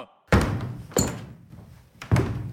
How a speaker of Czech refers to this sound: Tu chvíli se ozvaly rány, jako by někdo bušil dřevěnou palicí do podlahy.